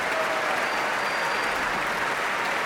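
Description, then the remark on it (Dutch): Sustained applause from a large audience for timpanist Paul Jussen of the Radio Philharmonisch Orkest, a dense, steady patter of many hands clapping at an even loudness throughout, with no voices standing out. “En dit applaus is voor paukenist Paul Jussen.”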